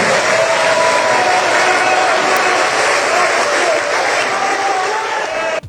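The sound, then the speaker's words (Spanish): A crowd breaks into sustained applause for Andrés Manuel López Obrador, a dense steady wash of clapping that holds at full strength for several seconds before cutting off abruptly, with faint voices mixed into the noise. “Y oye, López Obrador, y en automático aplaude, ¿no?”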